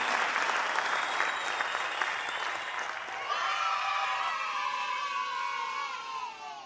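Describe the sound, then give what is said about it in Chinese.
An audience applauds steadily for several seconds, dense overlapping clapping at even loudness, with cheering voices rising over it in the second half. “谢谢，感谢，感谢大家， 感谢， 多谢恁大家默默的掌声。”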